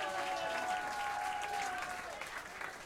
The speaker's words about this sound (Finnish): Taputtakaa hänelle, hän kumartaa.